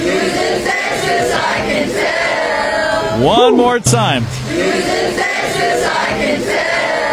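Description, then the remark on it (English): A large crowd sings along together loudly at a live event at Jamie's Route 66, voices blending into a dense roar; midway a single voice calls out over them with rising, sustained tones before the group singing carries on. “We even did a sing-along last night.”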